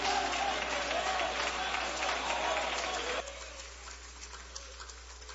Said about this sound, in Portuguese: mas vamos fazê-lo com aplauso bem forte para Jesus.